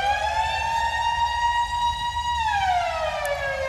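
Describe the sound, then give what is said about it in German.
A village fire brigade alarm siren sound effect from a 1980s DJ sound-effects record  holds a loud, steady wailing tone, then begins to slowly wind down in pitch, with no voices over it. “Und auf einer war so ein Sirenenalarm, wie wir den vielleicht vom Dorf, von der Feuerwehr kennen.”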